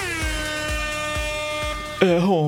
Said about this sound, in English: Air horn.